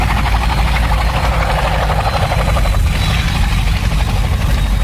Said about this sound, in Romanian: Eu am să te ajut de aici, pentru că urmăresc la televizor transmisia din helicopterul poliției.